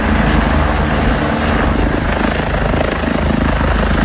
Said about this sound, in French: Voilà maintenant, vous savez tout, l'envers d'un décollage du Dragon 25, l'un des hélicoptères de la sécurité civile, n'a plus de secret pour vous.